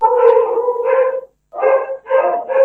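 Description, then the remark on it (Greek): Dogs bark and howl in loud, drawn-out bursts at feeding time, one long outburst followed after a short pause by several more, with no talking. “Καλώς τα λοιπόν τα σκυλιά για τα οποία μιλάγαμε πρώτα.”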